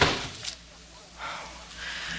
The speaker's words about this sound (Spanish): ¡Que cierres la puerta, idiota!